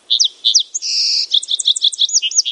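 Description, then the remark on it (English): A song sparrow sings: a few sharp introductory notes, a steady buzzy trill, then a quick jumble of high chirps and twittering notes, loud and clear with no talking. “That's a song sparrow.”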